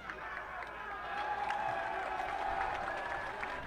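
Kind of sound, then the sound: crowd, stadium crowd noise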